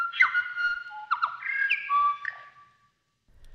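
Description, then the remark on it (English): A New Zealand bellbird (korimako) sings a short, clear phrase of ringing, bell-like whistled notes, bright, lasting about two and a half seconds before falling silent. “The Korimako, the bell bird.”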